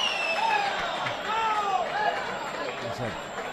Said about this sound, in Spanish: Uno pitan, otro aplauden al presidente.